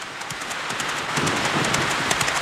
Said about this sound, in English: The first real rider from the West was Billy Hamilton, who received the mail from James Randall in Sacramento and charged off into the black, rainy night.